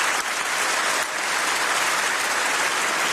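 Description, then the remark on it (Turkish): Sustained, dense applause from a large standing crowd in the European Parliament plenary chamber, a minutes-long standing ovation for Canadian Prime Minister Mark Carney. It is steady and loud throughout, with no speech over it. “Carney dakikalarca ayakta alkışlandı.”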